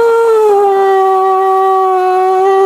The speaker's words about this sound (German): der Prinzenstraße am Stadtgarten steht das Tiny Music House und da basteln Kinder wirklich Gartenschlauchtrompeten. Da kommt so ein Aufsatz für einen Wasserhahn als Mundstück drauf und ein Papiertrichter ans andere Ende. Und dann wird halt gepustet.